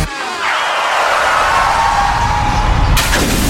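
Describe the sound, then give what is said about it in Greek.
Tires screech loudly for a few seconds, then a sudden car crash with shattering windshield glass hits near the end. No one speaks. “Ωχ! Πάει το μπαμπρίς.”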